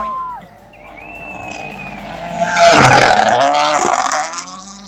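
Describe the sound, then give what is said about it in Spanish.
Takamoto's rally car races past at Pelún on the first stage of the second day of competition, its engine note climbing before a loud, rough burst of revving and gravel noise that peaks midway and lingers for a couple of seconds before fading. “Inolvidable, ahí está entonces el paso de Takamoto aquí en Pelún, el primer tramo de este segundo día de competencia.”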